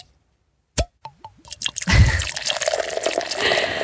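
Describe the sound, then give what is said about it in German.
A few crisp drips and clinks, then a steady fizzing pour of a sparkling drink with bubbly hiss filling in, fairly loud, no voices. “Apropos perlen lassen.”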